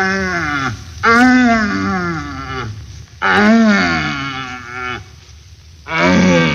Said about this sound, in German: Wir pirschen mit einem Jäger durch den Wald zu einem ihm wohlbekannten Brunftplatze und hören auf dem Wege dorthin nacheinander schwache, mittelstarke und ganz starke suchende Hirsche, deren Verlauten man auch Knören nennt.